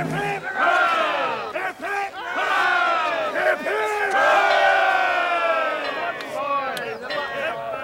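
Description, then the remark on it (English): A crowd of voices roars out three loud, sustained cheers for a boy, each swell rising together then briefly dipping before the next shout. “Three cheers for the button boy.”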